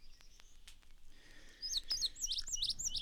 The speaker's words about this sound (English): Vesper Sparrow.